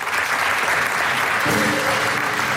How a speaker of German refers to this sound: Und die kriegt einen großen Applaus für das Finale hier, was wir auf die Böen haben. Ja, alle zusammen noch mal.